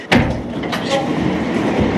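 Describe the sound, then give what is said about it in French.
An elevator going up to the top of an irrigation aqueduct runs with a steady mechanical rumble and hum, opening with a sharp clunk as it starts moving, fairly loud throughout. “on va prendre l'ascenseur et on va aller au sommet de l'aqueduc.”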